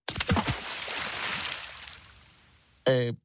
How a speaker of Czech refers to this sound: Lodyhy se vzájemně propletly a utvořily velikánské klubko, které sebou zmítalo, přetlačovalo se a koulelo ulicemi města, až se dostalo na mořské pobřeží a tam s velkým šplouchnutím spadlo do vody.